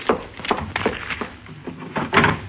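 A desk drawer in a cabin slides and shuts as a package is slipped into it, a run of scraping, rattling knocks over a couple of seconds, fairly loud with no voices.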